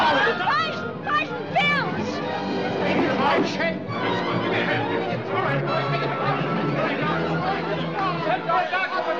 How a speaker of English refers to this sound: We need some help out there. I can't control this crowd all by myself.